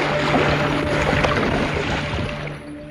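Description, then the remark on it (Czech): A ship's propeller churns water at the stern, by the spare rudder, as the ship approaches New York harbor: a loud, steady rushing wash over a constant low engine drone, with no voices, easing slightly at the very end. “Stála v místech, kde se nalézalo záložní kormidlo a kde se hlučně otáčel lodní šroub.”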